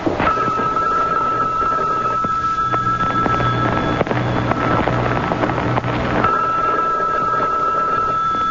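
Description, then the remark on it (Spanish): A telephone dials, then its ring tone repeats with no one picking up, the tones sitting over a steady, noisy background hum. “Bueno, y es que nadie va a contestar.”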